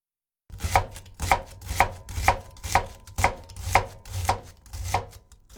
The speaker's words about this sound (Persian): ابتدا پیاز رو نگینی خرد می‌کنیم.